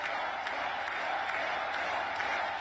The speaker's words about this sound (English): Meanwhile, Natalie Harp is clapping like a trained seal.